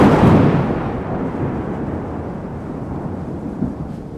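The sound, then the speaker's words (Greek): A loud thunderclap from a lightning strike bursts in, then trails off into a long, deep rolling rumble that keeps echoing for several seconds with no voices, during a Christmas tree lighting at a town hall on 29 November 2025. “Ακριβώς εκείνη την ώρα έπεσε ο κεραυνός.”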